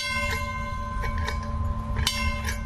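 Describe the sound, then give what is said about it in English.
A trolley bell clangs several times in an uneven rhythm, its ringing tones lingering over a steady low rumble of the moving car. No one speaks. “If there's enough time when we come back, we take the young children and put them up in the front, let them blow the whistle, ring the bell.”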